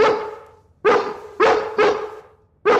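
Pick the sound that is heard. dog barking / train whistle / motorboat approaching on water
dog barking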